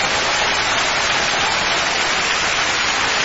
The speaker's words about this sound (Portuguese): Aleluia, glória, pode louvar, mais forte as palmas para Jesus.